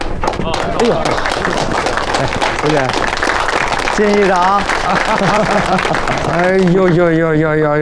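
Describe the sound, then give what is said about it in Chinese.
A crowd at a county council meeting applauds in a steady, dense burst of clapping that fills the whole stretch, while several voices call out loudly over it, growing more animated toward the end. “陈主任要到大家鼓掌。”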